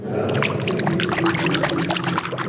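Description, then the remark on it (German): A hand swishes and stirs through clear, cool water, almost 4 metres deep, standing on stone steps, producing continuous splashing and trickling sounds with small bursts of droplets throughout, steady and fairly loud. “Ja, deshalb müsste man ein klein wenig dran greifen, dass es etwas Bewegung hat.”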